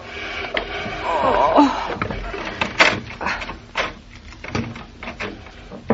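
A chair being pushed rather than lifted drags across the floor with a brief wavering, squealing scrape, followed by several dull knocks and bumps as it shifts, with faint rustling throughout.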